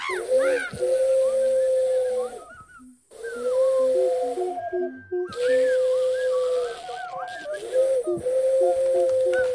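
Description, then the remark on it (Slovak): A voice imitates an owl's hoot with long, wavering hoo calls in three extended stretches separated by short pauses. The sound is fairly loud, with no one talking. “Piatok, ešte zahúkaj.”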